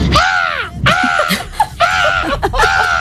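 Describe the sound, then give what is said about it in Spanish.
An 11-year-old boy imitates a parrot with four loud, raspy squawks in quick succession, each harsh call bending downward in pitch, alone with no talking. “Y a mí me han dicho que se me da bien imitar los loros.”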